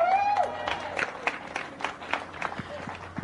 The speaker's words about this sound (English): And for our junior winner out here today, another round of applause for Maxim Direksh.